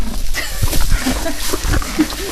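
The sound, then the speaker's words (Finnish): A police horse named Elvis Presley of the Helsinki mounted police snorts and breathes heavily right up against the microphone, a string of loud, rough, blustery bursts with no talking over them. “Se on hauska, kun hän tulee välillä niin kohti mikkiä silleen sanomaan asioita.”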